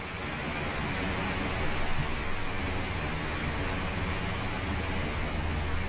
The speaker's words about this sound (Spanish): Como que se iba a llover otra vez fuerte en el techo.